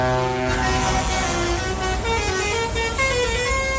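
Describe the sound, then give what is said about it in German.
Several truck horns blare together in a loud, sustained, overlapping chorus, with engine rumble underneath throughout, as the trucks of Mission Teddybär 1.4 set off in Villach. “Und als die Herrschaften losgefahren sind in Villach, gab es ein riesengroßes Hubkonzert.”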